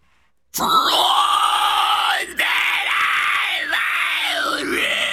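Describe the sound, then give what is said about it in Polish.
A man gives a demonstration of a loud metal growl, a harsh, raspy, distorted vocal sustained for several seconds in a few connected phrases with brief breaks, starting abruptly after a moment of silence. “Miałem zajęcia z …, taką wokalistką, która jest coachem tego growlu i no, nauczyłem się.”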